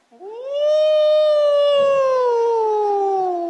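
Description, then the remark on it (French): A wolf lets out one long, loud howl, rising at the start and then holding a steady pitch that slowly sinks over a few seconds, with no talking. “Qu'en penses-tu, mon loup ?”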